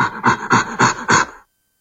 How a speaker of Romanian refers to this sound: Era orangutanul. Aaaa, de fapt, gorila, pardon, scuze, era gorila.